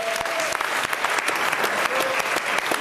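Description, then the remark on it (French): A crowd claps steadily and loudly for Bruno Coppens, a dense wash of overlapping handclaps with no pauses, while a faint whistle-like tone briefly rises above it twice. “On peut applaudir Bruno Coppens.”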